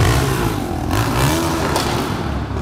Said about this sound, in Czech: Driftování mezi domy a hlasité výbuchy z upravených výfuků. Klidný spánek obyvatel některých ulic v centru Ostravy je ten tam.